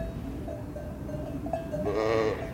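A ewe lets out one loud, wavering bleat near the end, calling for her lamb, after a stretch of steady background noise with faint, brief tonal sounds.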